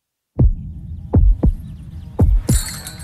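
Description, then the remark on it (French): A heartbeat sound effect in an advertisement for the Rouge Pivoine florist in Brussels: deep, booming thumps falling into lub-dub pairs over a low rumbling hum, with a bright hissy shimmer entering at the very end. “Vous entendez? C'est la fleuriste Rouge Pivoine à XL qui fait battre le cœur de Bruxelles.”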